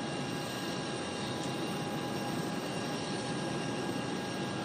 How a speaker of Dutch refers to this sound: Aan boord van het vliegtuig Air France dat hem terugbrengt naar Vaticaanstad.